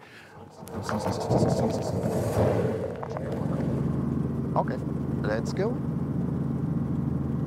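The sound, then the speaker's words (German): A Robinson helicopter's engine and rotor spin up, then settle into a steady, loud droning rumble with a low, even hum underneath. A voice speaks briefly at the start. “So, jetzt wird er langsam weich, der Hubschrauber.”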